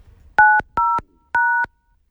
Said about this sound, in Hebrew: כל מה שצריכים לעשות זה לנסות לנחש איזו ספרה חסרה מ-0 עד 9, זה לוח המקשים. ברור. כדי לעזור לכם, הקלטנו את ההקשה. בבקשה.